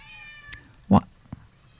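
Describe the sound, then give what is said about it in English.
A single short meow from another cat rings out clearly near the middle, loud, with a couple of faint clicks around it over a low background hum. “Oh, there's another cat here.”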